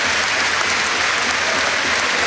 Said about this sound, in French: Applaudi par tout le stade, véritablement.